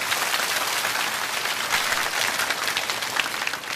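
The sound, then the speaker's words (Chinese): A crowd claps in encouragement for several seconds, a dense, even patter of many hands at a fairly loud, consistent level with no voices standing out. “非常好，掌声鼓励一下。”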